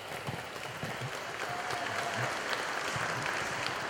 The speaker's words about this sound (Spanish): Gracias, señor obispo. Nuevamente damos un aplauso fuerte por estar con nosotros.